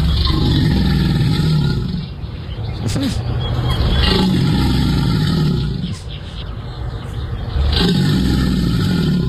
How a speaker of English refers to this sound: Alligators. Two alligators.